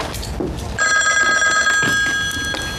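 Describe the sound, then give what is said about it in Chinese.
A telephone bell rings loudly and steadily, a bright sustained electric ring that starts a moment in and continues to the end, with faint background noise underneath. “队长，接电话。”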